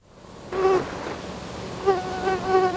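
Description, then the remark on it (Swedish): A thin, whining mosquito buzz drones steadily, its pitch wavering and swelling in a few surges over a faint background hiss. “Nej, det där var mygga.”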